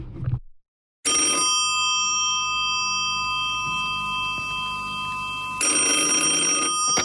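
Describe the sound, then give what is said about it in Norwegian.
A telephone rings with a sustained metallic bell tone lasting several seconds, then a second burst of ringing follows after a short break. The ring is loud, with no voices. “Ikke mas, det er jeg som ringer her.”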